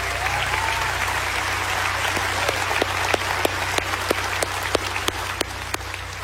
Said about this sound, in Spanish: Gracias, amigo. Un aplauso fuerte